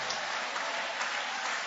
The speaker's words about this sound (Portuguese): Vai aplaudindo, vai aplaudindo, vai louvando.